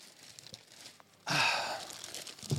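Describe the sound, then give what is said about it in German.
A big sheet of paper is rustled and crinkled, starting suddenly after a quiet moment and continuing as a dense, papery crackle for over a second. “So, ich habe ein großes Stück Papier mitgebracht.”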